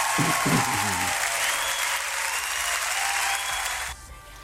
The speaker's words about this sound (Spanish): Un aplauso grandote desde el Wiki.